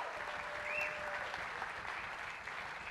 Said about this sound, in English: I want to thank this incredible band for being willing to learn. This is super, super hard music. We just had the one rehearsal at 4:30 today, and that was it. They're really good. So please give them a big round of applause, please.